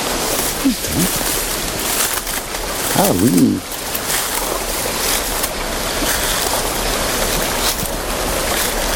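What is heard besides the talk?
flowing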